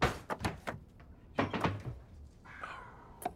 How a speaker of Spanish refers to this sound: El hijo observa a los lados, sonríe, se pone de pie y comienza a revisar los cajones de la cocina.